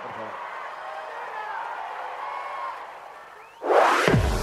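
An audience applauds and cheers in a steady, even wash of clapping and crowd noise for several seconds, then a loud rising whoosh cuts in at the end.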